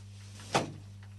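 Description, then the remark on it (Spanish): A single door shuts with a quick thud, followed by a short fading rattle, over a steady low electrical hum and no voices. “Después, le voy a cerrar la puerta.”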